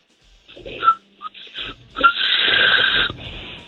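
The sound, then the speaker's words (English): A person tries to whistle backwards by sucking air in instead of blowing out, producing breathy, wheezy hisses with a couple of brief faint whistle chirps, ending in a longer airy rasp. “So like, instead of blowing out, I can suck in to make the noise, the whistling sound.”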